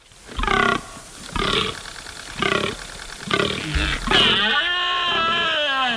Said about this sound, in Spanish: Bueno, pues con este sonido, que no es la berrea del ciervo, sino la ronca del gamo, menos mediática, menos atractiva parece, sí.